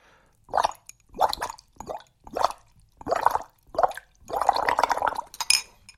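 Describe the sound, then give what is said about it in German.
Gurgling bubbles as air is blown through a straw into water and rises in small bubbles to the surface, in a series of short bubbly bursts with brief pauses, ending in one longer stretch of steady blubbering. “Die Luft, die ich durch den Strohhalm puste, steigt in kleinen Luftbläschen nach oben an die Oberfläche und ergibt ein richtig schönes Blubbern.”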